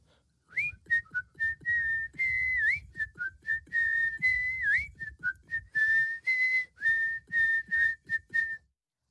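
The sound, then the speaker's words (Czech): A boy whistles a cheerful song melody with his hands in his pockets, a steady run of clear, bright notes with short slides and pauses between phrases, fairly loud, with no talking. “z té radosti si dal ruce do kapes a začal pískat písničku od … …”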